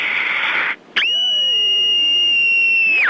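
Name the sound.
a person screaming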